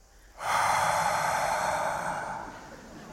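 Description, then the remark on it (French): At a musician's performance, the audience, divided into two halves, imitates the sound of sea waves, producing a broad, breathy hiss that swells in suddenly, holds steady like surf washing in, then slowly eases off; no words are spoken. “… qui fait faire la mer au public, le son des vagues.”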